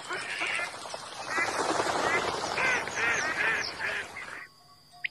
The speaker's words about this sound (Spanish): Los patos de las lagunas de la Mancha Húmeda.